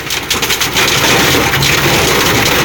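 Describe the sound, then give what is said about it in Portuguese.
A loud, steady roar of dense clattering noise as rain batters a truck, continuing unbroken for the whole stretch with no voices. “Foi a chuva de ontem, bebê. Batendo ali num caminhão.”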